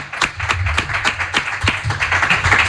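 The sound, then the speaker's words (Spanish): A farewell round of applause for guests during a Radio Marca broadcast at the Hisense headquarters: many hands clapping in a quick, uneven patter of sharp slaps that keeps a steady, fairly loud level throughout, with a low murmur underneath. “Y nada, que os vais a llevar este aplauso ya para bueno, despedir.”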